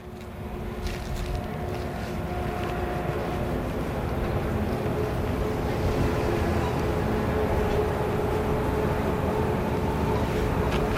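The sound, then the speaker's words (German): A train rumbles past, a steady, heavy roar with a faint tonal whine, holding loud and constant and swelling slightly toward the end. “Ah, ein Zug.”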